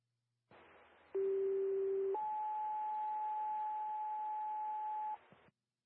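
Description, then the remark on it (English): Fire department paging tones over radio hiss, paging out a cancellation to fire company 38 after a false fire alarm activation: a steady low tone for about a second, then a higher, loud sustained tone holding for roughly three seconds before cutting off. “We're going to page out, cancel.”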